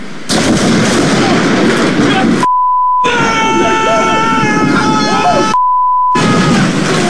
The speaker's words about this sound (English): lightning hits this massive pine tree, and then it falls on the place, ripping the front roof off.